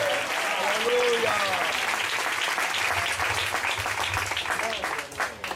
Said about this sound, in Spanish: Que le preste ese aplauso al Señor.